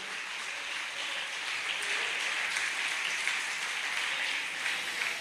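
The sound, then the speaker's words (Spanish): An audience at a church service applauding loudly and steadily for God, 'the King of Kings and Lord of Lords', a dense wash of many hands clapping that holds at an even level for several seconds with no voices standing out. “De un aplauso fuerte al Rey de Reyes y Señor de Señores.”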